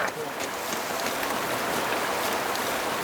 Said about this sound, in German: Wir erreichen einen Bach. Das Wasser ist braun-schwarz vom Lavagestein.